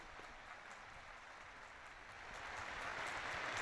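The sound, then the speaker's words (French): Sustained applause from a large audience as the Pope begins his catechesis, a dense crackling wash of many hands clapping that holds steady and then swells slightly louder toward the end, with no voices. “Et nous entendons les applaudissements nourris.”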